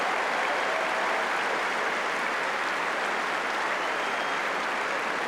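Steady, sustained applause from a large tennis crowd greeting the arrival of the two players, Nuno Borges and the world number one, as they walk out together; a dense wash of clapping that holds at an even, fairly loud level throughout with no voices standing out.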